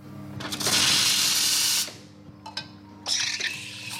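An espresso machine being cleaned: a loud, steady hiss of spraying water or steam, two sharp mechanical clicks, then a second, rougher burst of hissing.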